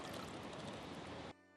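A steady, splashing rush of water poured into a shallow bird bath on a rooftop garden, fairly loud, cutting off abruptly near the end to leave a faint tonal hum.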